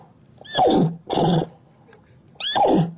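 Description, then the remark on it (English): A person imitates a horse neigh in three loud bursts, each a descending whinnying squeal with short pauses between, the last after a longer gap. “Would you like to hear of her speaking neigh?”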